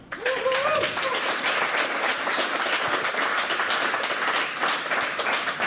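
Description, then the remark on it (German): A studio audience at a live radio broadcast in Berlin breaks into loud, steady applause that fills the whole stretch without fading, with a brief whoop rising near the start. No one speaks over it. “Der Applaus, der bringt's.”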